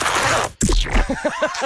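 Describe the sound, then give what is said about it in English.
A clothing zipper is pulled open in one quick, raspy stroke, fairly loud, followed by a short pause and then a voice talking. “Wait, actually, I've got to undo my zipper.”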